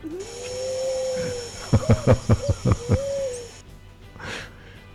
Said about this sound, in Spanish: Ese bicho feo. Este que tenemos. Ahora se nos metió un grillito. Es un grillito.